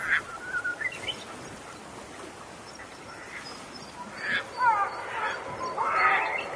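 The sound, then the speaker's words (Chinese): Black-faced spoonbills give low, hoarse, duck-like grunts and quacks in irregular clusters over a faint outdoor hiss. The calls grow louder and busier toward the end, as if several birds call together. “黑面琵鹭的声音就是这样。”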